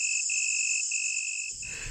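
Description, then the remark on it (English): A steady, high-pitched trilling of crickets fills the night air, several insects overlapping in a continuous shrill chorus, with a soft low rumble creeping in near the end. “Nowadays, insects like crickets transform the night into a symphony of sound, and their sound-making parts often do fossilize.”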